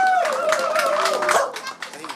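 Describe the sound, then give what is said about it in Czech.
A crowd claps steadily in a dense patter while the national anthem plays over the applause, before the clapping thins out near the end; the crowd is applauding horse riders arriving at the post office in Kletné after a 20-kilometre ride. “Můžete jim tleskat, můžete přískat, protože to vůbec zase to.”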